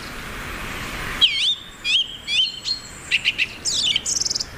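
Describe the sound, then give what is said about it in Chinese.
A male bird sings a loud territorial call, audible from far away, in a series of clear, whistled phrases, swooping and sliding around a high pitch, followed by quick rhythmic bursts and rapid trills, after a brief stretch of noisy hiss. “雄性以响亮的叫声宣示领地，他的声音从很远的地方都能听到。”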